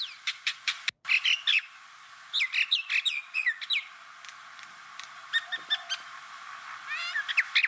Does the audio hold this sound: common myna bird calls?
yes